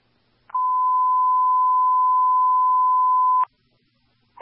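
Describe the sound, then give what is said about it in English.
A Safety 1 dispatch alert tone: one steady, mid-pitched beep held loud for about three seconds, then silence before another tone starts at the very end. “Safety 1 alarm.”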